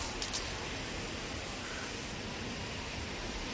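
A soft, steady hiss of light wind blows continuously with faint rustling and no other sounds, giving a quiet, empty outdoor atmosphere.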